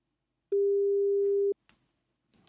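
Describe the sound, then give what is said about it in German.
A single steady telephone tone, like a busy signal, sounds clearly for about a second during an attempted telephone interview whose connection fails, followed by a few faint clicks and handling noises on the line. “Ja, ich versuche mich hier gerade an einem Telefoninterview, aber irgendwie klappt die Verbindung noch nicht so ganz.”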